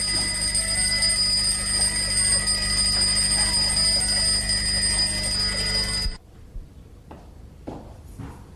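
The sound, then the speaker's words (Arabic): A large alarm clock, always set for 7 o'clock, rings loudly and continuously for about six seconds with a harsh metallic bell clatter, then cuts off abruptly, leaving quiet with a few faint knocks. “وصف لي منبه كبير، مربوط دايما على الساعة 7.”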